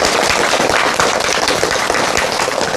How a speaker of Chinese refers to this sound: 今天这节课我们很高兴啊，为大家邀请到了姚喜双教授，我们掌声欢迎。